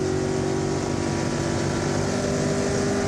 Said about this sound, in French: Les vitesses passent super bien. Franchement, la boîte de vitesse, c'est du beurre. Alors, on tire le moteur jusqu'à 7000 tours.